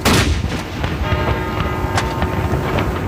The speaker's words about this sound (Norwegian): Klokken 12 ringte alle landets kirkeklokker, og det ble skutt sørgesalutt med kanonene på Akershus festning.